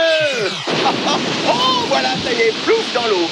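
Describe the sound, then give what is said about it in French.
A fired missile splashing into the sea, heard as a loud, steady rush of churning water that fills the whole clip, with wavering tonal, voice-like sounds sliding over it. “Voilà, ça y est, plouf dans l'eau.”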